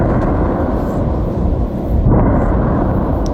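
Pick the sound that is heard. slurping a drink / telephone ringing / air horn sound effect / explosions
explosions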